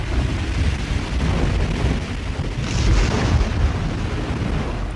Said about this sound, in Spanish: Pero como decíamos, afuera la tormenta arreciaba.